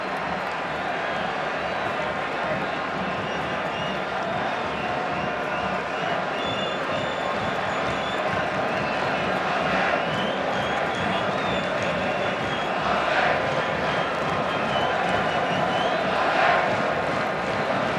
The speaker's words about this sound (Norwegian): Endelig noe å juble for for Chacarus-tilhengerne.